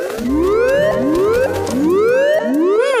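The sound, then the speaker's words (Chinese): A bird mimics an octopus alarm siren with four loud, rising whooping sweeps in steady succession, each gliding upward in pitch before snapping back, over a low background hum. “这里只有一只鸟，叫声听起来很像章鱼警报。”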